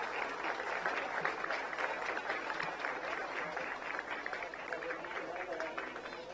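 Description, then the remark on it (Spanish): Sustained applause from an audience for the nation's first lady, Leticia Ocampos, at the inauguration of the CAIPI early childhood care centre in Concepción, a dense steady wash of many hands clapping at an even loudness for several seconds, with faint voices mixed in. “De esta forma, con un fuerte aplauso, señoras y señores.”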